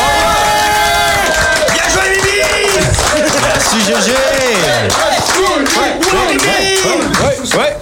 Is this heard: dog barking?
no